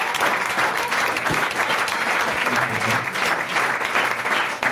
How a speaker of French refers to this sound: Une bonne réponse de notre invité. Déjà, on peut l'applaudir, sa dernière réponse.